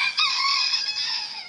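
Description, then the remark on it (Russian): A crow imitates a rooster's crow: one drawn-out, raspy cock-a-doodle-doo call, fairly loud, heard on its own with no talking. “Ну, как конечно, петухом вороны как не...”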